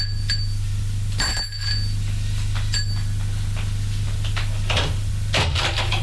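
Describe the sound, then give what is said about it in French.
A man rings the doorbell at an apartment door twice, bright ringing tones over a steady low hum, followed by faint clattering sounds. “Sonne à la porte de son appartement.”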